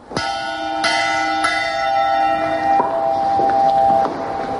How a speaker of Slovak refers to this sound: Aby sme mohli počúvať síce trošku už prišvrtené zvuky, týchto zvonov a možno aj citlivé ucho spozná, že to puknutie je tam poznať. Dovolte, aby sme si priblížili zvuk zvona z 15. storočia.